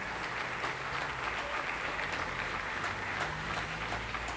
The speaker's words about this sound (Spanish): Qué aplausos a la Virgen María, nuestra madre.